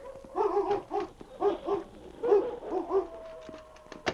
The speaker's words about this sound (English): As they opened the door of the shed, Butch's growls died away, and the big gray wolf stepped warily out into the open.